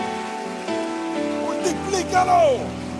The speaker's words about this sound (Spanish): Eso merece un aplauso. Déselo con fuerza al Señor.